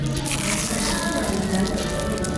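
Flaky puff pastry topped with sugar and cinnamon, from Nata Artesanos in Madrid, crunches as it is bitten and chewed, a dense, crackly crumbling that holds steady for a couple of seconds with no one talking.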